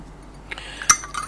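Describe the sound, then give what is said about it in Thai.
A ceramic coffee cup clinks sharply once against a saucer or surface as someone takes a sip of warm coffee, with a couple of softer taps and small handling sounds around it. “คอฟฟี่สักอึกก่อนกำลังอุ่นแบบว่าอุ่นอุ่นอุ่นอุ่น ุ่นมากๆอ่ะแต่ไม่ถึงร้อน”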